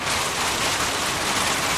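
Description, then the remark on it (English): Heavy rain pours down in a steady, dense, loud hiss, with no voices or other sounds breaking through. “Have you experienced the pouring bit of winter in Victoria?”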